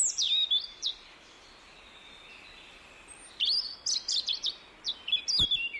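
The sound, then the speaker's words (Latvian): A European robin sings high, thin warbling phrases: a short burst opens, then a pause, then a longer run of quick trilling notes. The song is clear, with no voices. “Un sarkanrīklītes daudzos pētījumos Eiropā tās ir izmantotas par modeļu sugām putnu orientācijas pētījumos, lai noskaidrotu, kā putni atrod ceļu uz dienvidiem.”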